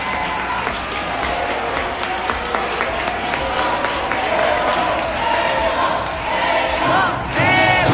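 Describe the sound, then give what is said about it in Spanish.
A crowd in a restaurant applauds steadily and loudly as Mexican goalkeeper Guillermo Ochoa leaves, with cheering and excited voices mixed into the dense clapping; near the end a few shouts rise clearly above the noise. “Y es que en redes sociales se ha hecho viral un video en donde aparece el arquero mexicano, quien se llevó una sorpresa al salir del negocio y fue despedido entre aplausos.”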